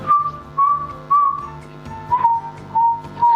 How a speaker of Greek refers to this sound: Τώρα κάνει και ρυθμό. Βρε παιδιά, ποιος σφυρίζει? Αυτό προσπαθώ να βρω. Εγώ σφυρίζω λίγο. Όταν βαζέμαι.